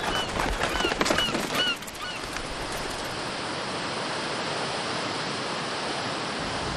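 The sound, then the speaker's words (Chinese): A flock of migratory birds calls out at a national wetland park with several overlapping honks in the first two seconds, over a steady rushing wash of water-like noise that continues alone afterward. “长期的修复保护成效显著，候鸟从数千只增加到数万只。”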